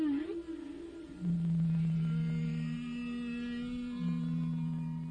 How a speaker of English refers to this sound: Whales send out their beautiful calls.